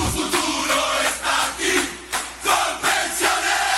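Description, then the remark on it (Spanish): A stadium crowd cheers and roars in loud, surging waves, in a football-themed Colpensiones advert; the broad noise swells and dips every second or so without any single voice standing out. “La tribuna revienta de la dicha porque para ganar este partido estamos todos en la cancha.”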